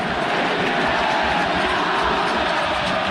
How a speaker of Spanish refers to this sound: Y los hinchas, con su grito estentorio también, le ratifican el respaldo y la confianza a Fernando Munera.